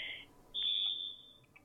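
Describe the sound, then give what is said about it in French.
A telephone rings with a shrill, steady electronic tone: a short burst, then a longer, louder one that trails off into a couple of faint blips, with no voices. “Attends, j'attends juste parce qu'il y a la sonnerie du téléphone, du coup.”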